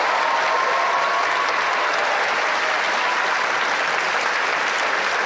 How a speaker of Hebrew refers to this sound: מעזה ללונדון, מחיאות הכפיים הנלוות לדבריה מסבירות את קנייתה של מחמוד, שניסתה בעבר לצמצם גם אם ימעט את ההגירה הבלתי חוקית, לאגף השמאלי במפלגת הלייבור.